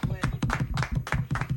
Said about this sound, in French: Et on est là pour lui rendre hommage aussi. Il faudrait peut-être l'applaudir aussi. Bravo, pour ce qu'elle fait. Bravo, bah oui.